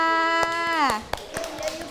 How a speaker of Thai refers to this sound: และตอนนี้คุณครูก็ได้ตัวแทนกลุ่มแล้วค่ะขอเสียงปรบมือให้กับกลุ่มที่1นะ